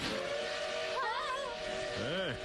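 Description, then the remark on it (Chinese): A loud, steady roar of a train speeding past on a high-plateau railway, with a sustained whistle tone running through it and a couple of brief, bending vocal sounds rising and falling over the noise. “哎，不用害怕，那是人类建造的火车，它不会下来的，只会沿着那两根铁棍跑。”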